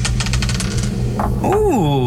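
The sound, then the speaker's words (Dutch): A die clatters across a hard tabletop in a quick, uneven run of sharp clicks during a song game, then settles on number 5 as a short gliding vocal exclamation follows. “Ik heb hier de dobbelsteen.”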